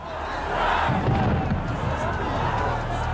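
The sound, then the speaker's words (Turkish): A large crowd of protesters marching toward Russian soldiers in a town square shouts together, yelling "get out" over and over, in a loud, dense roar of many voices, sustained throughout with overlapping yells that swell and rise in a continuous outdoor clamor. “Onlara doğru ilerliyorduk ve defol, defol, defol diye bağırıyorduk.”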